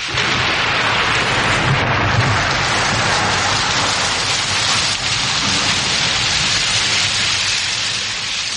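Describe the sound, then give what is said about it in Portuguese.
Heavy rain pours down steadily and loudly, a dense, continuous hiss with a faint low rumble underneath and no voices. “começou uma chuva forte e Judite começou a soluçar”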